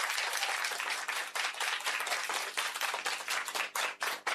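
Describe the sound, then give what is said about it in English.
A round of applause from a group after a correct quiz answer, dense overlapping claps sustained steadily for several seconds at a fairly loud level, with no talking over it. “A round of applause for that.”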